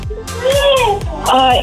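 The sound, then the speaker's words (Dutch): A three-year-old child talks in the background of a phone call in high-pitched, sing-song bursts, with two drawn-out vocal stretches separated by a brief pause, fairly loud throughout the short moment. “Ik hoor daar trouwens nog wat sfeer bij jou op de achtergrond.”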